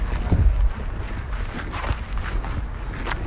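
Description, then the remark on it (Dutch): Footsteps crunch along outdoors at a steady walking pace at Stichting De Fruithof in Frederiksoord, Drenthe, with a low rumble of wind or handling noise over the first half-second and open, airy background throughout. “Zullen we even een rondje gaan lopen?”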